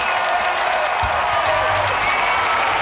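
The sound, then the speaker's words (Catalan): A large crowd of the faithful in the plaza at Montserrat applauds and cheers continuously as the Pope appears on the central balcony and greets them, a dense wash of clapping and voices with no pauses, with a low rumble entering partway through. “Saluda a la gent, aplaudiments, s'aboca al balcó, saluda els que estan just a sota del balcó, té uns micròfons preparats per tal d'adreçar unes paraules a la gent, cridòria de tots els fidels que han estat seguint aquesta cerimònia des de les places.”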